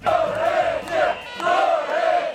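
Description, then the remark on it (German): A large protest crowd chants in unison in the streets of Tirana, Albania, many voices shouting a short slogan in a steady repeating rhythm, loud and continuous with brief dips between each phrase; thousands protest daily against a planned luxury building project. “So klingt es seit Wochen jeden Tag in der albanischen Hauptstadt Tirana.”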